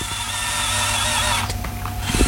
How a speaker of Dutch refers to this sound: Hij klinkt ook echt als een robotarm. Ja, stoer, hè?